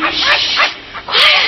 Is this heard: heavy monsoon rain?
no